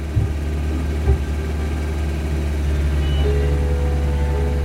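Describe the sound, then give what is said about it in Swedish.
A motor vehicle engine rumbles low and steady, slowly growing a little louder as it approaches, with a thin higher whine joining in toward the end. No one speaks. “När motorljudet kom närmare började de gläfsa och trängas vid hundgårdens dörr.”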